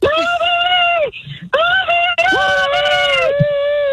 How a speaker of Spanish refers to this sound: ¿Qué escuchaste? Un guanajo.